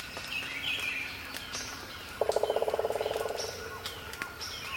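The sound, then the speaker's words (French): A woodpecker drums a rapid burst of about twenty sharp knocks on wood, slightly slowing and fading toward the end, over a soft background of chirping birds in the dawn chorus. “tambour des pics.”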